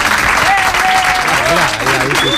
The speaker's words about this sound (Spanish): Oye, si los aplausos no llegan, no pasa nada, ¿eh? Los hacemos nosotros. Mira.